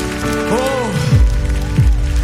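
An audience applauds loudly in a steady, dense patter of clapping, with a few rising and falling vocal shouts cutting through the applause.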